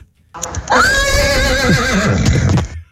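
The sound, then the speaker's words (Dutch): A person imitates a horse's whinny with their voice, a loud, quavering neigh that rises sharply then wavers downward for about two seconds, heard alone. “Maar ik kan dus ook heel goed een paard nou doen. Oh, een hinnikend paard.”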